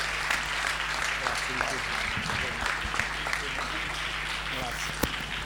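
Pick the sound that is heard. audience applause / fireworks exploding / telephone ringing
audience applause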